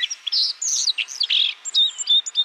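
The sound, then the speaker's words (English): A white-throated sparrow's song, bright high chirps and short whistled notes in quick succession, clear, with no voices. “The white-throated sparrow travels well into northern Canada during the breeding season.”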